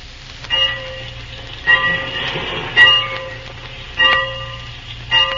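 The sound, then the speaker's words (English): A locomotive bell clangs steadily about once a second, five strikes in all, over the low idling rumble of a train standing still at a station. No voices are heard. “The train's awaiting.”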